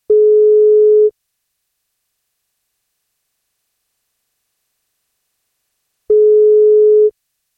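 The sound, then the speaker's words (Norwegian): A telephone ringback tone from a call placed by the Norwegian radio show Wake Up Call on 1FM: two steady, mid-pitched one-second beeps separated by about five seconds of silence, clear, with no voices. “I dag skal vi ringe og se om vi får tak”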